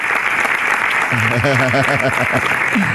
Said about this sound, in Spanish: ¡Aplausos, aplausos!